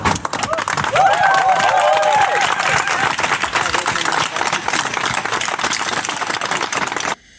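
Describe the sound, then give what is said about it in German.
A crowd claps steadily and loudly, with shouts and whoops rising over the applause early on, then the clapping carries on dense and unbroken until it cuts off abruptly. “Da klatscht die Hassbubble für das Transzebra.”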